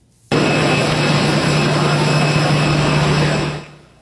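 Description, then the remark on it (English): A loud, steady roar of a jet airplane engine with a high whining tone, from Spain's King Felipe's private plane taking Pope Leo from the Canary Islands back to Rome, starting abruptly and holding for about three seconds before fading out. No voices. “In this case, Spain's King Felipe offered the use of his own private plane to get the pontiff safely back to Rome.”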